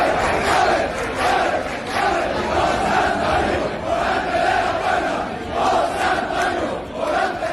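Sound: crowd celebrating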